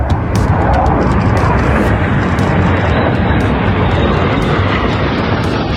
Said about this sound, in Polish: A wcześniej samoloty odbyły lot po polskim niebie w ramach powitania z Polską.